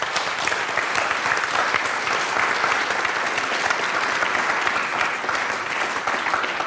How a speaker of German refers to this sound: Also vielen Dank. Vielleicht haben wir für die Kolleginnen und Kollegen noch einen kleinen Applaus.